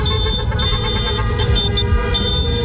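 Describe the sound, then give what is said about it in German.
Many car horns honk over and over on a busy street in Schaffhausen, Switzerland, at night, as people celebrate Switzerland qualifying for the World Cup quarter-final; overlapping blasts and steady tones blend into a loud, continuous din with traffic rumbling underneath and no speech. “In der Nacht auf dem Mittwoch hat es die ganze Schweiz nach Schaffhausen so getönt.”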